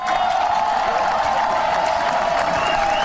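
Loud, sustained applause from a crowd of fans in Božena Němcová park in Karviná, by the lake, as the Karviná football team arrives with the MOL Cup trophy; dense steady clapping with a bright whistle-like tone running through it and scattered cheers, no pauses.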